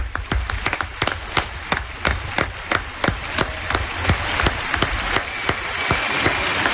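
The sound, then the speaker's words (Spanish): An audience claps in a steady, even rhythm, sharp distinct claps about three per second, over a wash of crowd noise that grows slightly louder toward the end. The applause is for the lead couple of a morning radio drama performance of The Island of Doctor Moreau. “Aplauso para nuestra pareja protagonista de esta mañana de la isla del Doctor Moreau,”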